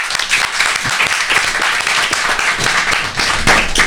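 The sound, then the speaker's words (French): A crowd breaks into steady, dense applause welcoming a French pop rock band onto the show, many hands clapping at once in a loud, continuous wash of sound that holds throughout without any talking. “On accueille avec grand plaisir sous vos applaudissements”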